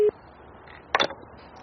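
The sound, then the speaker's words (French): A telephone ringing tone on an outgoing call to demographer Yi Fuxian in the United States, heard as a short, clean beep followed by a brief burst of electronic line tones, then near silence. There is no talking. “J'ai appelé au téléphone le démographe Yi Fuxian qui vit aux États-Unis.”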